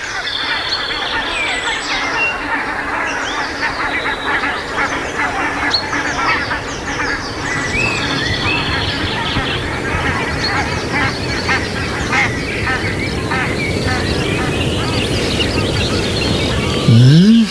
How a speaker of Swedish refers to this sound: Man hör gässen komma. På väg ut för att jobba på fälten.